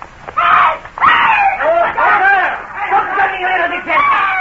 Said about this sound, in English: disguised as citizens of the Republic, were strolling along the Rue Saint-Honoré when suddenly ahead of us we heard a feminine scream. A moment later, a girl came running towards us, closely pursued by four men.